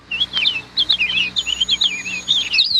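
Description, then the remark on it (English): Birds sing continuously on a June morning in quick, warbling chirps and trills, several calls overlapping, with a faint steady hum of outdoor ambience underneath and no voices. “It was a lovely morning in June. Birds sang and flowers, red, blue, yellow, pink and white, bloomed all around.”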